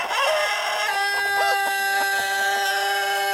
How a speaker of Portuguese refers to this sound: Esse galo tá mais ou menos não, né? Tá meio gripado esse galo, tá gripado não? Hã? Solta um galo mais decente pra nós aí, um galo que cante bonito, vai.